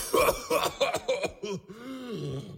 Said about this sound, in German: Dann hustet er.